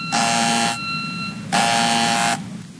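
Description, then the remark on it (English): A harsh electric door buzzer sounds twice, two long flat bursts of about a second each with a short gap between, loud and raspy over a low background hum. “I better get that. I think the door is still locked.”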